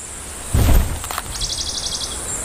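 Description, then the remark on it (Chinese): An azure-winged magpie gives a quick run of about eight high, evenly spaced chirps, following a brief soft thump like a landing or wingbeat. No voices are heard. “善于空中飞行的蓝尾灰喜鹊也喜欢到地面上搜寻食物。”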